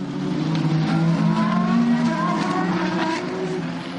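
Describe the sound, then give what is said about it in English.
Race cars, led by Will Stevens, roar past the commentator's right at full speed as the race goes green after a safety car period, a dense, loud wash of high-revving engines that swells and shifts as the pack streaks by. “Slightly delayed message, we're going green right now, and there they go past me to my right shoulder.”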